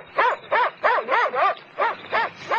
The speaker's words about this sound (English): Hey, what's that? An Alsatian.